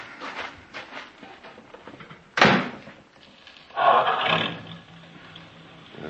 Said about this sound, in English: Boy. Sure is smooth. I'm going to get me a new car soon. Sure does hum, don't she?